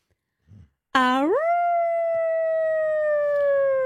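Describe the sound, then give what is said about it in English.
A child imitates a wolf in bed while being read a bedtime story, letting out one loud, sustained howl that swoops upward in pitch and then holds a steady, drawn-out note for about three seconds, after a brief soft sound. “You do a good impersonation of a wolf”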